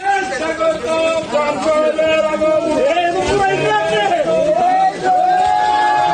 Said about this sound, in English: Crowds cheered, as you can hear there, after it was handed over to a customer who'd booked it weeks in advance to be sacrificed this week.